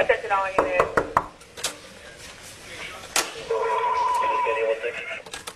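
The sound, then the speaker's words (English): Miami Beach police knock on a room door on the 11th floor of the Mondrian South Beach Hotel around 1 a.m.: several sharp knocks in a quick cluster, then a couple more isolated knocks, with muffled voices and a steady background hum. “The first knock goes unanswered seconds later.”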